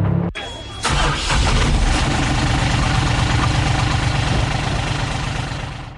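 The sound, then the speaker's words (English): A truck engine cranks briefly and catches, then settles into a steady, loud idle with a low rumble that runs for several seconds, with no voices. “Let's get back in the truck.”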